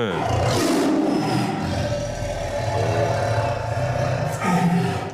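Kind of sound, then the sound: animal, tiger roaring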